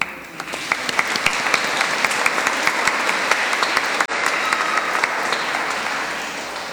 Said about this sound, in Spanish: Terminamos con un aplauso a la Virgen del Rocío. Y nosotros también vamos a aplaudir a nosotros mismos.